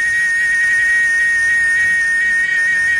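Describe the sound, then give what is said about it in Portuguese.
A cicada sings in a loud, unbroken, high-pitched drone that holds steady for the whole stretch, with no voices over it. “Oh, barulho da cigarra, hein? A cigarra começou a cantar.”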